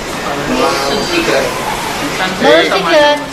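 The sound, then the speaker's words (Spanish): Busy market-stall ambience at a fish counter in the Pere Garau municipal market in Palma: several voices overlap and call out over a steady background murmur, with one voice rising more loudly near the end. “Pescadería en el mercado municipal de Pere Garau, en Palma.”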